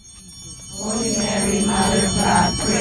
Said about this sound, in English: On a warm Saturday morning in May, ringing bells pierced through the quiet in the neighborhood surrounding St. Mary's Church on East 8th Street in National City.